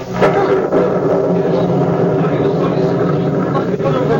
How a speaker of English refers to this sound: Listen, what is that? It's thunder from underneath the earth. It was the mountain.